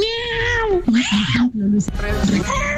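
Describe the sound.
A person imitates a cat for an audio message, starting with a long, drawn-out meow that slides downward, followed by shorter, choppier mewing and yowling sounds, fairly loud.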